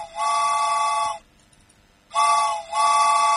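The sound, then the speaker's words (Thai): A train-arrival sound effect played on the LTM FM 95 radio programme as listeners are called aboard the 'train': two loud, sustained horn-like tones with bright overtones, each lasting about a second, separated by a brief pause and followed by a third blast. No one speaks. “เดี๋ยวจะเรียกคุณผู้ฟังขึ้นรถไฟกันแล้วนะคะรถไฟมาแล้วค่ะ”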